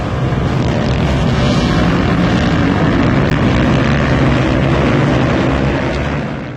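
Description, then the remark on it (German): Loud, steady engine roar from stunt motorcycles at Eilstedt airfield, a dense throaty drone heavy in the low end that holds constant throughout, with some wind rumble mixed in and no voices. “Über 650 Motorrad-Stuntfahrer aus Deutschland, Europa und der ganzen Welt trafen sich vom 6. bis 12. Juli auf dem Flugplatz Eilstedt, um sich in verschiedenen Wettbewerben zu messen.”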